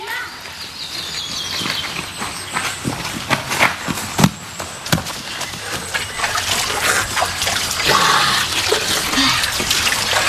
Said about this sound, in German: Schau, da unten ist eine kleine Quelle. Da setzen wir uns ein wenig ins Gras, trinken vom frischen Wasser und dann wandern wir weiter.